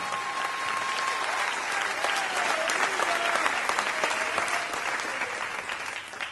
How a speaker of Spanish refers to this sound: No, si le va a aplaudir, apláudale todos como él se lo merece.